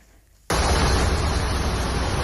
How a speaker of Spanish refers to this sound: Durante la tarde, los bomberos de Cataluña han atendido a más de 200 incidencias por estas lluvias que están escuchando.